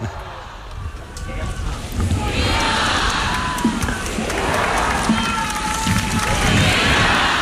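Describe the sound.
A large crowd shouts cheers for Pope Leo XIV at the close of a Mass at the port of Santa Cruz, a dense roar of many voices with rising whoops and chant-like swells, sustained and loud throughout.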